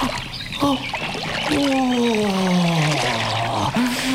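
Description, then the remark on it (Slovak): Feet splash and slosh in shallow stream water, a steady wash of trickling and splattering, as a person rests and cools sore feet in the stream, while a voice lets out long, relieved sighing sounds over it. “Tak, trochu si oddychnem. Ochladím si ich vo vode.”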